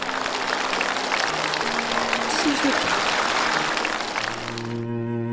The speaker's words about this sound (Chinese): 但是值得我们欣慰的是，你在你今天的谈吐中，在你的行为当中已经对母亲表示了原谅，这也是我们敬佩你的一个很重要的原因，我为你鼓掌。